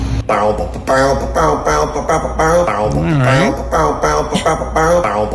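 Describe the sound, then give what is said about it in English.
A member of a band, backstage at a concert, mimics a bass guitar with rhythmic, low, bouncy vocal notes and a sliding pitch swoop midway, fairly loud for several seconds. “What sound does a bass make?”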